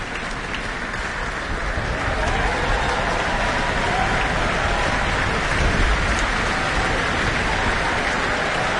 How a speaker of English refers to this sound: After the reduced classical orchestra of the Mozart first half, we're now back to our full symphonic Auckland Philharmonia. And applause, acknowledgement for the timpani.